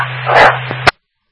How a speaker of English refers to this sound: Was there dog barking?